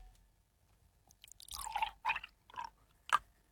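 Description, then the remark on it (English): Milk or water being poured from a bottle into a container, coming in a few wet, splashy glugs and spurts over a few seconds, fairly quiet, with no talking. “revealing what liquid you just poured into that”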